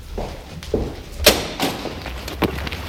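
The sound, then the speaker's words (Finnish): A door is handled with a series of short knocks and clunks, then a loud, sharp thud as it shuts, followed by a couple of softer bumps. No one speaks. “Mä tuun samalla oven avauksella.”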